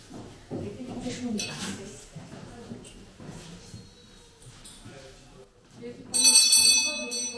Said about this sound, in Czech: Takže zazvonil zvonec a vyučování je konec.